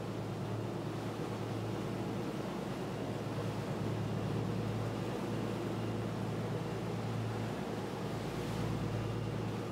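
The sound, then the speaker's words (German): Rough sea waves off Fornells on Menorca churn and surge in a steady, dense roar as the swell grows stronger, with a constant low engine-like hum underneath and some wind noise; no voices are heard. “Der Wellengang wird stärker.”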